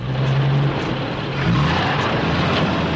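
A truck engine is started to test it after a part has been replaced, then runs at a steady, loud idle, its deep droning hum briefly shifting pitch partway through before settling into a constant rumble. No voices are heard.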